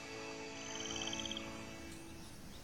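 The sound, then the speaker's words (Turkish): Rainforest insects calling in a dense, steady chorus in the rainforest surrounding Iguazu Falls, with a rapid high-pitched pulsing trill rising briefly above the constant droning hum. No one speaks. “Etrafımızdaki böceklerin çıkardığı sesleri duyabilirsiniz.”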